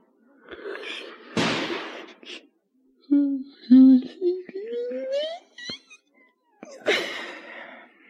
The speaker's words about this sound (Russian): А потом я проснулся. Ой, что, это стреляют?